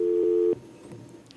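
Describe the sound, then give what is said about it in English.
A steady dual telephone tone hums loudly for about half a second, then cuts off abruptly with a click, leaving a faint open line with soft background noise. A call from the public connecting to the live radio call-in show Voices. “Let me pause and take this call from the public.”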